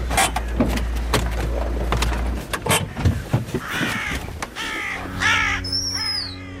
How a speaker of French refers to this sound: On a des corneilles, des choucas, des corbeaux fleurs. On a même une pie qui est venue alerter.